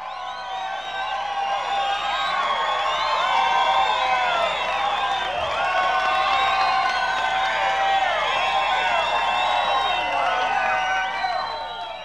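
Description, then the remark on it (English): A large audience cheers and whoops loudly with clapping mixed in for performer Chubby Wack, many overlapping voices rising and falling in a steady, sustained roar that carries on without a break. “We want another nice round of applause for Chubby Wack.”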